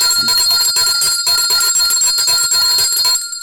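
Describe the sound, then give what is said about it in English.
A loud, bright bell rings rapidly and continuously, its clangs blurring into a steady metallic peal before cutting off near the end with a short fading ring. No one speaks. “They are, I have to ring the bell for these people.”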